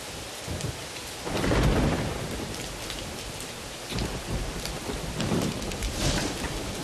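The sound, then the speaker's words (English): Heavy rain pours steadily while low rumbles of thunder roll in, swelling around the second and fourth seconds; no voices, just a dense, continuous storm wash. “The rain from the rainy season needs to be saved because there is no other water in the dry season.”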